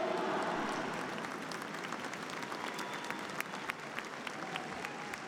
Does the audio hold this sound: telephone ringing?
no